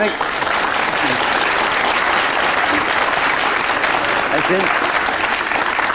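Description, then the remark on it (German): Steady, loud audience applause fills the whole stretch, a dense wash of many hands clapping with no break, while faint voices murmur underneath. “Ich habe nein, so ich bin gar nicht neidisch auf Ihren Applaus.”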